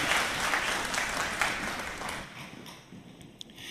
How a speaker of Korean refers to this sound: 우리 하나님 앞에 영광의 박수 올려드리겠습니다.